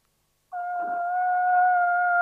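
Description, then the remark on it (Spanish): After a brief silence, a voice launches into a long, steady, high-pitched moaning tone, mimicking a whale call. It holds one pitch and grows slightly louder, with no talking. “¿Vamos con el sonido de ballena?”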